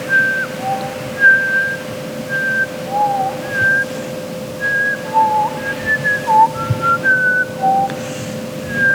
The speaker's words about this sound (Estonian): Seal on alguses üks muusika nagu vilega. Jah.